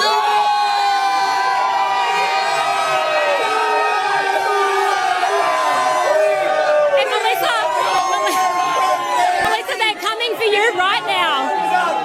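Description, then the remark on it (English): A dense, excited crowd of football fans on Caxton Street by the Lord Alfred cheers and whoops continuously before a game, with overlapping shouts and loud chatter rising into sharper bursts of yelling toward the end. “They are painting Caxton Street and the Lord Alfred red. They are so excited.”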